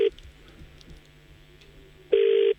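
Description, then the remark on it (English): A telephone ringback tone on an outgoing call: a steady electronic buzz at the start, a pause with faint background noise, then the tone sounds again clearly for about half a second. “Come on, bro, answer your phone.”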